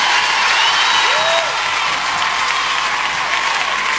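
Loud, sustained applause from a large audience in London, a dense wash of clapping with crowd noise and a brief whistle rising over it, continuing steadily throughout without any speech.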